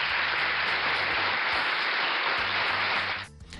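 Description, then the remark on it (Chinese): Steady applause from a crowd, a dense, even wash of many hands clapping for about three seconds before quickly fading out. No one speaks over it. “我们也希望能够给这些稳得住的爸爸妈妈一些掌声。”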